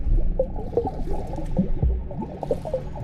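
Water sloshes and slaps irregularly against the edge of a kidney-bean-shaped swimming pool as a person bobs in the water making waves, with wet gurgling and splashing bursts over a steady liquid churn, no voices present.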